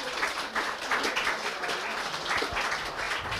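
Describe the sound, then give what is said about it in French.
An audience at a talk with archaeologist Jean-Paul Demoule applauds him before questions from the public: a steady, dense, even wash of many hands clapping at moderate loudness throughout, with no one speaking over it. “Vous pouvez applaudir.”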